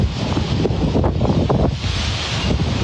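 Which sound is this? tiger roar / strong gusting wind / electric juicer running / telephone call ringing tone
strong gusting wind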